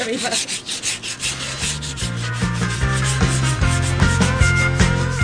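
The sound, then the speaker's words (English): Steady hand sanding of decorator's cork flush down to the wood so there are no raised seams, a continuous rasping scrub with repeated strokes, over a low tonal hum and rhythmic background beat, with no talking. “so this is just some decorator's cork that needs flushing down to the wood, just so there's no raised seams.”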